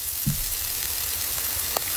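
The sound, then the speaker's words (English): Steady, bright crackling sizzle of a fatty steak on a hot braai grill, a continuous hiss with a few sharper pops, moderately loud, no voices. “No, this is a sizzle of a steak.”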